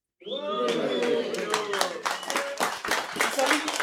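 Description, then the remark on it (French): An audience at a live singing performance breaks into loud, continuous applause, dense clapping filling nearly four seconds, with voices cheering and calling out over it. “Encore un tonnerre d'applaudissements.”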